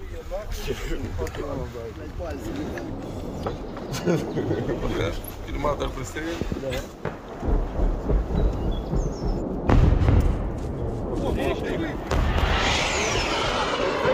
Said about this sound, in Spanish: Misiles de crucero, son cohetes. Maldita sea. Se acerca cada vez más.